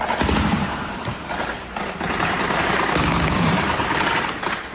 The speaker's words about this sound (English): Russian air defences trying to shoot down Ukrainian drones in Crimea.